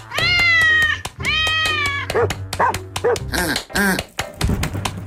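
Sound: cat meowing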